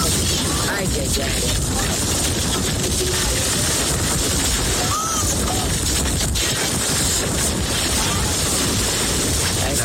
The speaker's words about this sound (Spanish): De hecho, algunas personas grabaron cómo un velero era prácticamente destruido y quedaba en medio de la calle. Así se escuchaba.